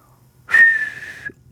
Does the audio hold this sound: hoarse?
yes